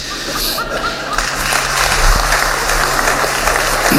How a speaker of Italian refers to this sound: E c'è stato pure un applauso, generalmente di quelli che sono gli artisti, perché il regista Paolo Sorrentino ha detto testuale: signor presidente, se il mondo fosse abitato solo da lei e dagli artisti, vivremmo gioiosi